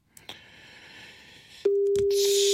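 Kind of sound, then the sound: signal or alarm, telephone ringing unanswered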